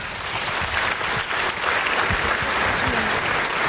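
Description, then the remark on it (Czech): Steady, dense applause from a studio audience welcoming the actress Tereza Kostková, loud and continuous throughout with a brief dip partway, sustained clapping without any speech over it. “Ona se to vrací, tak určitě ji ale teď zatleskáme.”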